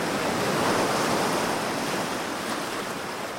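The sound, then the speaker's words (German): Steady surf washes onto a beach, a continuous broad rush of water with a gentle swell early on and a faint breeze, fairly loud, with no voices. “Und wenn da, wo ich gerade am Strand sitze, das Wasser weg ist, dann ist gerade woanders auf der Erde sehr viel Wasser.”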